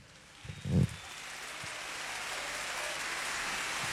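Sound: rain falling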